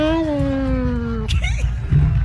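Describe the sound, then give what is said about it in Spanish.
A person imitates a cat in a WhatsApp audio message with one long, drawn-out meow that slowly falls in pitch, followed by brief scattered noises and some background murmur. “solamente manden una imitación del gato, nada así más.”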